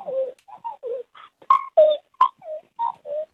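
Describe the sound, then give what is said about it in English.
A caller imitates a magpie's call: a quick run of about a dozen fluting, warbling notes broken by a few harsh, scratchy bursts midway, clear with no talking. “We've got a late entry of a magpie sound.”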